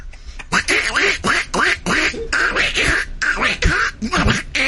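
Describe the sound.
A person imitates a duck with a rapid run of nasal, raspy quacks, about a dozen bursts in quick succession, loud.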